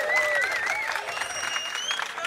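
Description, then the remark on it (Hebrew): An audience applauds itself steadily, a dense wash of many hands clapping throughout, with high whistles and cheering voices rising above the clapping. “תעשו לעצמכם כפיים, הלו, חבר'ה.”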